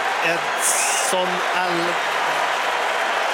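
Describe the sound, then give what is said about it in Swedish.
A steady, dense roar of a stadium crowd cheering and applauding Mexico player Edson Alvarez during a substitution at a football international, his 99th cap, fills the whole stretch, with a man's voice talking over it in brief bursts. “Edson Alvarez, det är honom publiken jublar åt.”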